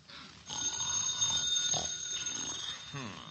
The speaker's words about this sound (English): Answer the phone